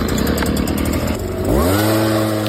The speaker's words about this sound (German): Es ist wieder Laubbläserzeit. In den Gärten läuft wieder die härteste Liga des Herbstes. Die Blätter fallen, der Nachbar lauert am Garten und irgendwo wird garantiert schon der Laubbläser eingewechselt.